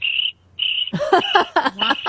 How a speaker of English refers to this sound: Sorry, all I hear are crickets.